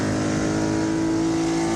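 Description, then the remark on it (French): A car engine on a racing circuit is pulled up to 7000 rpm, a loud, steady high-rev whine with strong harmonic tones holding nearly constant in pitch for about two seconds, with no voices over it. “Alors, on tire le moteur jusqu'à 7000 tours.”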